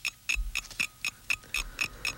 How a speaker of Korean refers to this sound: 30분 동안 20문제를 풀어야 했다. 째깍째깍 초침 가는 소리에 83년 겨울 학력고사장에서 가슴 졸이며 시험지를 봤던 그때의 기억이 어렴풋이 떠올랐다.